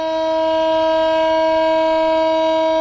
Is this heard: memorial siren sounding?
yes